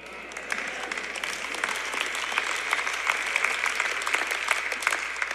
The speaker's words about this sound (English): That was a half-hearted clap, but I'll take it.